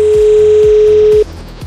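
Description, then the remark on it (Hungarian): A steady telephone ringing tone sounds clearly for just over a second, then cuts off abruptly as a radio host answers the call, with a faint rhythmic low thumping underneath. “Tökéletes, gratulálok, jól vettük fel a telefont,”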